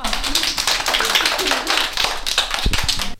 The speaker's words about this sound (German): Alle mal klatschen.